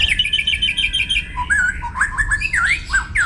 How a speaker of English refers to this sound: Scientists have now analysed more than 100,000 different bird songs to reveal the acoustic secrets behind the incredible variety of bird song that we hear.